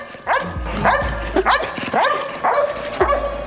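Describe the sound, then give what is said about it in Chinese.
A dog barks repeatedly in a steady rhythm, about six sharp, fairly loud barks, each with a bright rising yelp quality and short gaps between them; the fourth of five dogs taking turns to bark, called the liveliest. “狗叫的频率还有声音的大小是非常接近的，普通人第一次听到这种声音，它是很难很难分辨的。”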